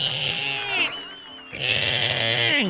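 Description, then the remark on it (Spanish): A person imitates a creaky old door with two long, strained, high-pitched squeals that waver and bend in pitch, separated by a short quieter gap, loud. “¿Cómo suena una puerta vieja?”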